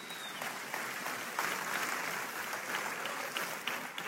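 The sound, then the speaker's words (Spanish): A crowd applauds steadily for about four seconds, a dense wash of clapping that stays at an even, moderate loudness throughout with no voices over it. “Un aplauso para el francotirador.”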